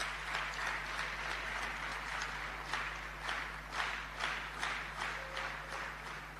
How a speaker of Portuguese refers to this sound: Também peço uma salva de palmas.